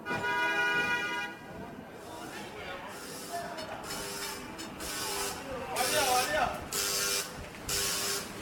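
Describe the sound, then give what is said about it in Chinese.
A Hong Kong "ding-ding" tram rumbles slowly through congested traffic on a busy street around noon, its wheels clacking in a steady rhythm of bursts over constant traffic noise, with a sustained tonal hum near the start. “北京时间12点，叮叮车在拥挤的车流中慢悠悠地穿行。”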